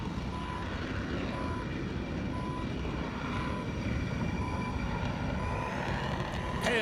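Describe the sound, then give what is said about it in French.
A steady, loud roar of aircraft engines on the aircraft carrier Ford, a dense rumbling drone with a faint whining tone that holds constant throughout, with no voices. “Les avions, j'adore les avions.”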